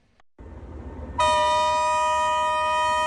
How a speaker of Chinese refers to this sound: 下午四点，一列装有100个标箱、满载汽车配件、家电、光伏太阳能板等出口货物的国际铁工联运班列，从铁路金华南站启程，货物抵达新疆喀什北站后，将转为公路运输出境